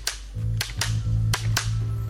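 A village crier's wooden clapper, used by the village crier in Hellendoorn, Overijssel, rattles out a series of sharp, dry cracks in an uneven rhythm, about five strong snaps over a couple of seconds, loud and alone with no talking.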